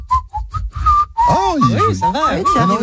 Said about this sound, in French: Attends, alors, moi, je suis pas le meilleur siffleur du monde, mais bon.